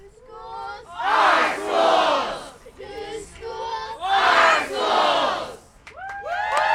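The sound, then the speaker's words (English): A crowd of hundreds at a rally in Portland against Portland Public Schools' plan to close as many as 14 schools chants in loud, rhythmic bursts, swelling and falling in two or three waves of shouting and cheering, with scattered individual voices rising between the chants. “In between chants and cheers, students, parents, and teachers spoke to the crowd about how closures would affect the Portland community.”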